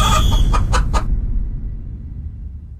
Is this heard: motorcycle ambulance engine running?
no